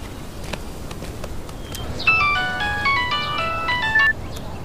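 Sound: phone ringtone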